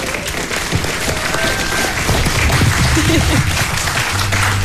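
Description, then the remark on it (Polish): Sustained audience applause, a dense steady wash of many hands clapping at an even loudness throughout, with a few faint voices mixed in underneath. “Pięknie, brawa jeszcze raz!”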